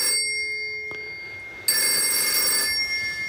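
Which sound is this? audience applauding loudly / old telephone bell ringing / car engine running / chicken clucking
old telephone bell ringing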